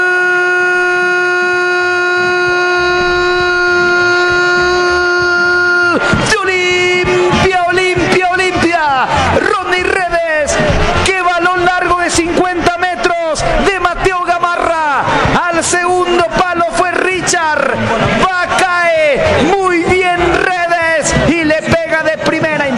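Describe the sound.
A football commentator holds one long, loud, unbroken goal shout for about six seconds as Olimpia scores its third goal against San Lorenzo, then breaks into fast, excited talking over a noisy, roaring crowd.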